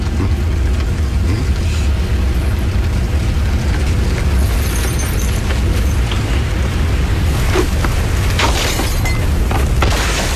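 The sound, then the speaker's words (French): A loud, sustained explosive roar with heavy low rumble fills the whole stretch, with crackling bursts and debris-like clatter flaring near the end; no voices. “Il y a une explosion.”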